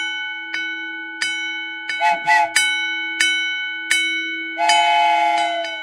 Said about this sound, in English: Oh, my. There goes the arms down. The lights are flashing. That means that train's got to be coming. Before long, it's getting closer. I see its light now. Oh, my.